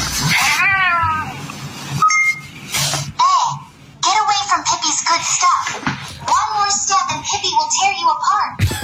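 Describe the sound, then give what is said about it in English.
A cat yowls and caterwauls in long, wavering, rising-and-falling cries, loud, with a brief pause midway before the drawn-out howling resumes almost continuously. “Cats are scary.”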